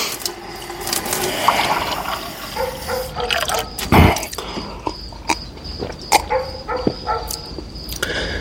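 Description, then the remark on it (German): Water runs steadily from a tap that a barefoot man in blue pyjamas has gone to, a continuous hiss with scattered clicks and knocks, a louder clunk midway, and a thin high whine running through it. No one speaks. “Er ging zum Wasserhahn.”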